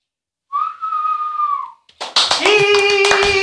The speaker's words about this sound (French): Là, c'est le moment d'applaudir.